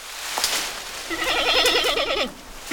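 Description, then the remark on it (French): A giant panda gives a bleating call, a single wavering, goat-like cry lasting about a second, clear over a faint background hiss. “Ah, j'ai trouvé. C'est un grand panda.”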